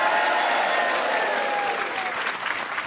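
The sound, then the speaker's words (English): A live audience at the Spiegel Tent at the Edinburgh Festival applauds steadily during a live BBC Radio Scotland broadcast, a dense wash of clapping hands that holds at a fairly loud, even level throughout, with no voices standing out. “It's Grant Stott here live from the Edinburgh Festival at the Spiegel Tent with a lovely live audience.”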